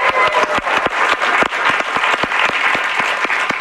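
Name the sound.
audience applause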